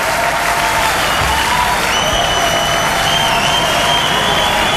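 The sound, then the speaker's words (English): A large concert audience applauds loudly and steadily, a dense wash of clapping with shrill whistles and cheers rising over it throughout. “And for you, the best crowd in the world.”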